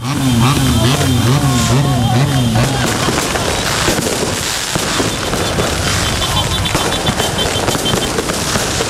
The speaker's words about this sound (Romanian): pe străzi Urale nesfârșite, claxoane și artificii. Zeci de mii de suporteri s-au adunat pe Champs-Élysées, locul tradițional pentru astfel de momente.